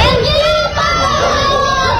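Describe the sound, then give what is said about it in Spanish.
Several relatives of the young people shout at once at a court hearing, a loud, overlapping clamor of raised, emotional voices sustained throughout, with no single voice standing out clearly. “Son gritos de escuchas de los familiares, ¿no? De los jóvenes.”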